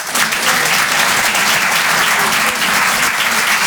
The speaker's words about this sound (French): D'accord, donc je sens que c'est clivant quand même. Par applaudissement, qui trouve ça marrant ?